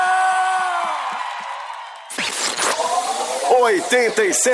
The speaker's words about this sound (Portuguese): salva de palmas pra Claudinha!